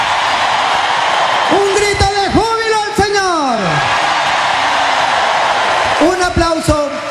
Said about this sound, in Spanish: A ver, ese aplauso, que se caiga este coliseo, este estadio, que retumbe. A ver, hermanos, que retumbe este sitio para alabarlo, para bendecirlo. Gloria a ti, Señor. Aleluya, Él vive, Él vive. Un grito de júbilo al Señor.